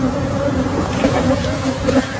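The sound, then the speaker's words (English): A dense, continuous drone of a large swarm of agitated honeybees buzzing loudly in a Texas neighborhood after an 18-wheeler truck spilled 24 million bees from 406 ruptured hives, steady throughout with slight swells in intensity and no voices. “This is the truck and then all the bees, the sound of it.”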